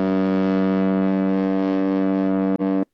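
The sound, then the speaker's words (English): A deep, loud ship horn blast holds steadily for nearly three seconds, its rich tone droning with strong harmonics, then stutters briefly and cuts off. No voices are present. “It's definitely a boat on that one.”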